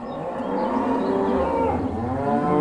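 Cows moo in a long, overlapping chorus, several low, drawn-out bellows blending together at steady volume with no pauses, fairly loud.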